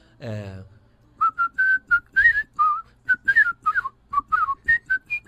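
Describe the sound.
A person whistles a football anthem melody in short, clear, mid-pitched notes with ornate trilled and sliding tones, steady and rhythmic, after a brief vocal sound at the start, demonstrating the whistling style once used to record team anthems for teaching songbirds.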